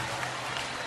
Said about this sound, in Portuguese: Maradona, uma salva de palmas, por favor.